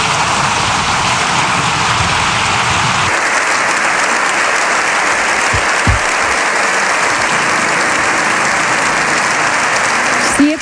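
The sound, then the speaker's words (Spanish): Loud, sustained standing ovation from deputies, senators and guests filling a parliament, a dense continuous roar of clapping that never lets up, with faint murmurs of voices underneath. “Minutos de aplausos de los diputados, los senadores y los invitados todos en pie.”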